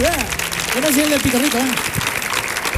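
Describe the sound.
Steady, dense audience applause at the show del Comandante Lara fills the whole stretch, loud, with a raised voice calling out over the clapping partway through.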